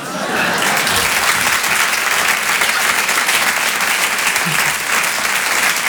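Steady, dense applause from an audience, loud and sustained for several seconds with a crisp, crackling texture and no voices standing out.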